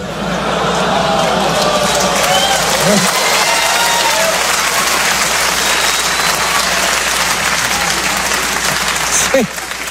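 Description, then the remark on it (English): A large audience lets out a sustained, loud groaning murmur, with scattered claps and stray voices mixed into the steady crowd noise for the full length. “You hear that little groan when I said that?”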